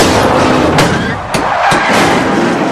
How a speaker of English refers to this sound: One car ricochets across another's bonnet. Oh, man! More cars collide, shedding debris, causing a huge multiple pileup.